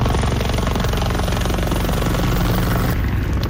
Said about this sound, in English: A helicopter drops thousands of liters of water over flames in eastern Spain.